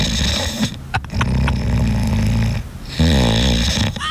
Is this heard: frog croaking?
no